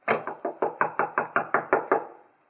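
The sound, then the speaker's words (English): About a dozen firm knocks on an apartment door in quick, even succession, each a sharp thud with a short ring, fading out after the last one. No voices. “Just wanted to try the door. Might have been unlocked, but it's not.”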